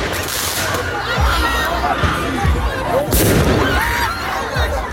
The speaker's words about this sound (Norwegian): Slik har det sett ut i flere franske byer den siste tiden. Med fyrverkeri mot politiet, branner i gatene og elever som løper fra tåregass.